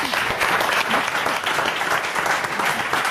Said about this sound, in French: Un bel effort. On applaudit l'effort.